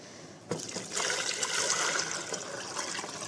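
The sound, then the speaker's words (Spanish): About 4 to 6 cups of water pour steadily into a cooking pot of cooked onion, a bright, splashing rush that starts abruptly and keeps going at a fairly loud, even level, with no one talking. “vamos entonces a agregar el agua, que es alrededor igual como unas 4 o 6 tazas de agua.”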